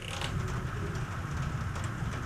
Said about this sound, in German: Hört ihr es? Ja, das ist der Regen. Und der ist heute immer wieder mal gekommen und gegangen und hat eigentlich nicht wirklich gewusst, was er jetzt will.